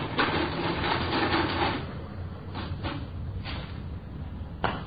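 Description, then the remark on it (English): An adding machine in a store whirs steadily for about two seconds, then gives several sharp mechanical clunks at irregular intervals as the stolen money's figures are tallied. No voices are heard. “I got the figures on the machine.”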